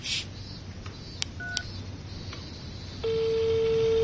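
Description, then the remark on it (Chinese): A few short beeping tones of a mobile phone being dialed, then a steady ringback tone starts and holds over a low background hum, fairly clear. “用你手机打呀。”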